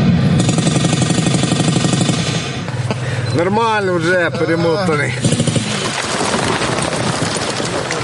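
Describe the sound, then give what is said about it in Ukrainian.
Loud, continuous battle noise plays from an audio speaker for atmosphere during first-aid training of military recruits, who apply tourniquets and pack wounds, with rapid bursts of gunfire and rumbling blasts, while a man talks briefly over it. “Поруч з аудіоколонки для атмосфери лунає гуркіт бойовища.”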